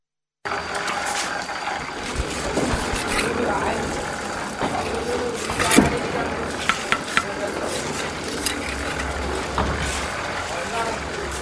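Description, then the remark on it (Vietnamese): A concrete mixer churns with a steady, rumbling engine drone while sharp hammer strikes ring out in a quick cluster partway through, with faint voices. A new house in E Cao ward is being built and is in its final finishing stages. “Giữa tiếng máy trộn bê tông và tiếng búa gõ liên hồi”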